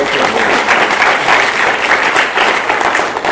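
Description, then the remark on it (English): An audience claps for a speaker who has just finished his talk, steadily for about three seconds, a dense, even wash of many hands clapping at once with no pauses and no one speaking over it. “Can we all clap”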